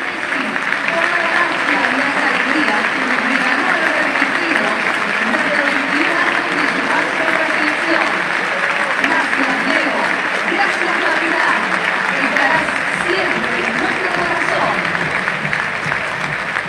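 The whole crowd at the Estadio Monumental, including the referees, applauds steadily in tribute to Lionel Messi in the 10th minute of a football match, a dense, loud wash of clapping that holds without pause, with a murmur of many voices mixed in beneath it.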